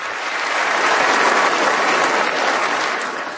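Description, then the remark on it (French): Sustained applause from a crowd, a dense steady wash of many hands clapping at a fairly loud, even level, easing slightly at the end with no voices heard. “Les démocrates qui sont des crazy people, donc parce qu'ils applaudissent pas cette fiction d'enfants arrachés des bras de leurs parents”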